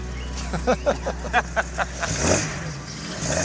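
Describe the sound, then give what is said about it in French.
A 1970s car engine idles with a low steady rumble, then revs in a quick series of short throttle blips before swelling into a longer, rising roar. “Oh, quel son! C'est une merveille. Quelle voiture!”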